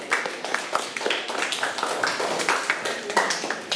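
children clapping

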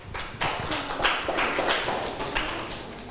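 classroom applause

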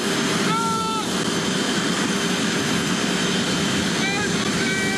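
jet aircraft engine

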